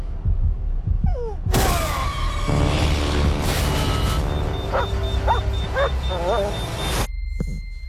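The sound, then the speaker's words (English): A dog, a former combat scouting dog in a film scene, barks and lets out several high, wavering whimpers amid a loud, dense wash of background noise that cuts off abruptly near the end. “Owen was a combat scouting dog.”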